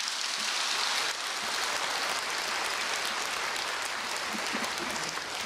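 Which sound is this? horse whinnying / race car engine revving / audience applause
audience applause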